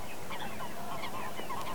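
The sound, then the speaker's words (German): Waterbirds call repeatedly in overlapping honking notes over a steady outdoor hiss, fairly faint, with no one speaking, near reeds at the Helmstausee reservoir, at the start of a Saturday 24-hour bird-listening and birdwatching marathon. “Ja, so klang es, als wir am Samstag ein Marathon des Vogelhörens und Guckens starteten, am Helmstausee nämlich.”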